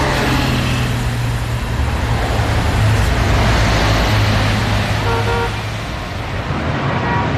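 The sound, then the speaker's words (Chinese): Loud road noise as a car drives early in the morning to the Haizhixing Building, with a steady rumbling engine and drawn-out horn blasts sounding over the traffic; a short higher-pitched honk comes near the end. No one speaks. “第二天一早，董杰亲自开车送肖雷回海之星大厦。”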